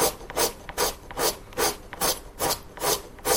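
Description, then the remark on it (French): Wood being rubbed in a violin-making workshop: steady back-and-forth rasping strokes, about seven in a row at an even rhythm, each a bright, hissy scrape, with no one talking. “On est dans un atelier de lutherie”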